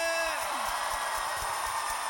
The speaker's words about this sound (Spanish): ¡Gloria a Dios! ¿Alguien puede dar un fuerte grito de júbilo a su nombre?